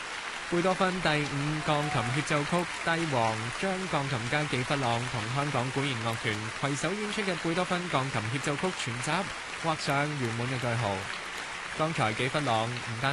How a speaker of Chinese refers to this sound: 热烈嘅掌声，欢迎纪弗朗再次出场。